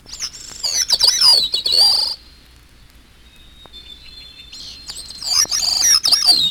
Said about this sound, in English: And hermit thrush. No sounds in the background or anywhere else in this misterioso movement than the songs of those four thrushes.